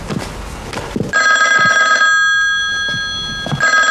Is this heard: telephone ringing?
yes